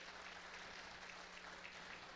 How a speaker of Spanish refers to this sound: Felicitaciones y un fuerte aplauso para aquellos que nos han dado todo en la vida.